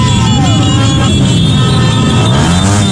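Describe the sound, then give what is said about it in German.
A loud, dense convoy of cars and motorcycles rolls past in Ecuador, celebrating a 2-1 football win over Germany, engines revving and droning continuously, with steady tonal sounds like horns riding over the traffic noise. “Auto- und Motorradkorsos in Ecuador gerade.”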